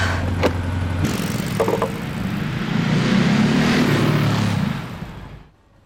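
A motorcycle engine revs loudly and close, its droning note climbing as it pulls away, then quickly dropping off into near silence at the end.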